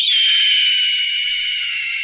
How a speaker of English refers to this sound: Yeah, for those who don't know, this is a seahawk.